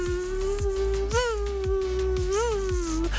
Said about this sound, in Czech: A co nechcete, aby vám do ucha znělo, tak to je ten otrávný, bzučivý zvuk komára. Takhle si lehnete, jdete spát a...